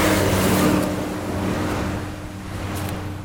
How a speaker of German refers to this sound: Er steigt aus und tritt an die Absperrung einer mit rotem Staub überzogenen Brücke. Autos und schwere Lastwagen donnern vorbei.